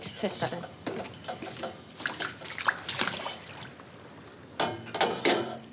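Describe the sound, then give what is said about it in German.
A metal bathing ladder in the women's bathing area is hooked to the railing by its bracket and pulled up out of the water to be cleaned, with sloshing, pouring runoff and a few hollow metallic clunks in bursts, then more streaming water near the end. “Ich hake den Bügel am Geländer fest, um die Leiter hochzuziehen, damit ich sie sauber machen kann.”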